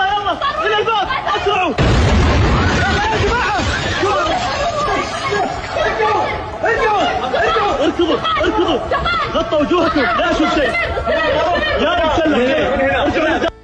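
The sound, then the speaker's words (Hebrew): A Houthi ballistic missile explosion at King Khalid International Airport in Riyadh, Saudi Arabia: a sudden, heavy low boom breaks in about two seconds in, followed by a dense, continuous crowd of agitated voices, shouting and chattering over a lingering rumble. “כך זה היה נשמע שם אחד הרגעים שבהם נפל הטיל בשדה התעופה.”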